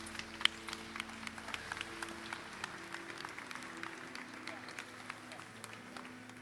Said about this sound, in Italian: Ed ecco qui che anche questo entra nella cattedrale e parte l'applauso.